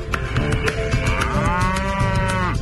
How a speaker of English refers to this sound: Hundreds of cattle plunge into the dam daily, splashing through the water. Their hooves churn up the mud.